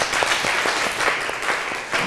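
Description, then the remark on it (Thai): A burst of group applause in a classroom, classmates clapping for a group that volunteers to answer, many hands in a dense, steady patter for about two seconds, fairly loud and even throughout, with no one speaking over it. “กลุ่มไหนจะอาสาคะยกมือเลยกลุ่มไหนจะอาสาคะมีไหมโอเคปรบมือเพื่อนหน่อย”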